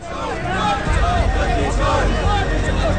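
A large protest crowd in Delhi, India, chants slogans and waves placards while making its way to the Supreme Court to submit a petition about voter lists. Many voices merge into a loud, steady roar with rising and falling shouted tones and no pause throughout.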